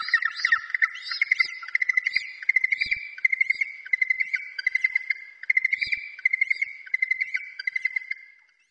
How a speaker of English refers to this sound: The hoihoi. The yellow-eyed penguin.